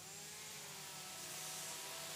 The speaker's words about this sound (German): Hast du jetzt noch mehr Lust auf Kettensäge bekommen?